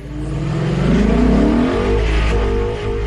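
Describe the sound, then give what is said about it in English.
A car engine revs loudly through its exhaust, pitch climbing and falling in a steady, throaty roar that fills the whole few seconds, with no voices. “he would always call us when he's a little bit from the house and be, can you hear my exhaust?”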